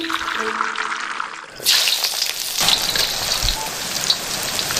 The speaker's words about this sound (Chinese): 随着滋滋的爆裂声，鸭子在油锅中发生奇妙的美拉德反应，这也是构建焖鸭形与色的关键。